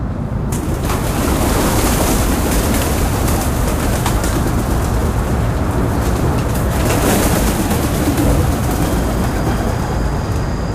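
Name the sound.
pigeons cooing and fluttering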